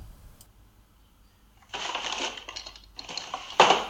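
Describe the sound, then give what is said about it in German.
After a quiet start, someone rummages through the drawer of a baroque dresser holding hair clips, hairpins, makeup and jewelry: two bursts of scraping, rattling clatter as small objects shift around, ending in a sharper jolt. No one speaks. “Aber ich werde mal in dieser barocken Kommode hier mal schauen, ob ich da vielleicht in den Schubladen irgendwas finde.”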